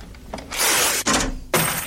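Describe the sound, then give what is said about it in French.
Coins with holes drilled through them are thrown onto a hard floor and a cash register rings at the start of a song, loud bright metallic jangling bursts that swell, break off briefly, then crash in again, with no voices. “une chanson mythique qui commence par des bruits un peu bizarres, qui sont faits par des pièces qui ont été percées, qui sont jetées par terre, la fameuse caisse enregistreuse, la ligne de basse,”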